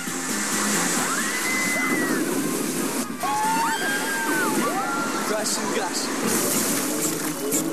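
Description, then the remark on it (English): A loud, steady rush of sloshing, splashing water from a water roller coaster splashdown at Typhoon Lagoon water park fills the whole stretch, with high wavering cries and voices rising and falling faintly above the churn. “We have splashdown.”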